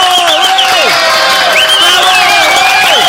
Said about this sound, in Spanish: Fuerte los aplausos